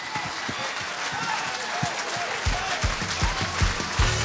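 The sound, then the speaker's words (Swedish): A large audience at an awards show applauds the announcement of Vocalist of the Year 2026, a dense wash of clapping that swells and grows louder near the end, with some cheering voices mixed in. “Ja, mycket applåder.”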